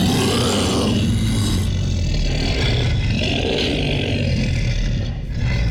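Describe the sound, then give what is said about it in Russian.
A male announcer imitates a monster roar, a sound made by Russian sound artists with a sound engineer's help: a loud, rough, continuous growl lasting several seconds, rumbling low with harsh rasping surges that swell and ebb, with no speech alongside. “Кстати, последний только что услышанный вами звук был изготовлен нашими родными российскими художниками звука.”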